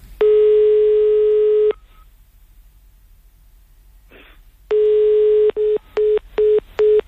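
A telephone ringback tone on a call: two long, steady electronic tones separated by a pause, followed by a quick series of short, evenly spaced beeps, loud and clear with no talking.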